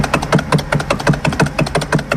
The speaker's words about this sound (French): Démarrage d'un tracteur.